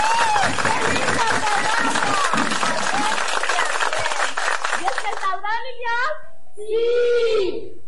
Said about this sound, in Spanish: ¡Un aplauso, niños!